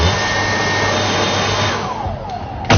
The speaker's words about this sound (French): Du sèche-cheveux en plus.